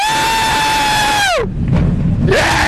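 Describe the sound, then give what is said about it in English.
A roller coaster train goes over the edge at the top and plunges down a 97-degree drop, steeper than vertical: a steady, high mechanical whine slides sharply downward, gives way to a loud rushing rumble, then a rising whine returns. “At the top, the train goes over the edge and drops 97 degrees, meaning the drop is actually steeper than vertical.”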